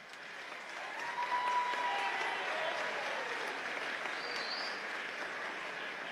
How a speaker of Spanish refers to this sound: Bueno, vamos a, obviamente que un aplauso fue, ¿qué más sonó?